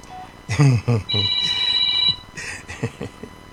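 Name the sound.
telephone ringing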